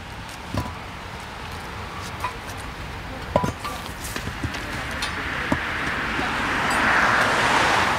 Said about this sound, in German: Nachdem der Kehrwagen die Haufen aufgesammelt hat, wird die Fahrbahn umgehend wieder für den Verkehr freigegeben.